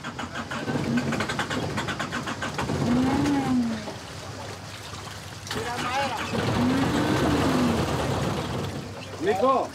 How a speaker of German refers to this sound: Doch der Motor springt nicht an.